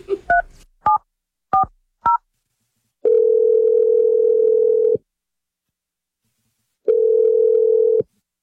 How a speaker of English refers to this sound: I'm just going to call him and we'll see if he first answers the phone and then see if he has anything to say. Okay, you ready? Yeah. All righty, here we go.